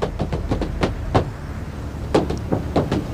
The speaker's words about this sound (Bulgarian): е тропане на бутуши върху покрива на корейски автомобил.